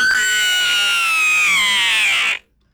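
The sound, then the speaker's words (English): A man lets out one loud, shrill, sustained scream that holds for a couple of seconds, wavering slightly in pitch before cutting off abruptly into silence. “That was a man screaming.”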